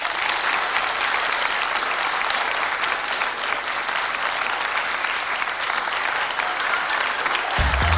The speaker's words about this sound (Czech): A nyní dovolte, abychom přikročili ke slavnostnímu odhalení. Poprosil bych váš potlesk.